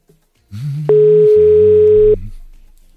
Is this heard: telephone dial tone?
yes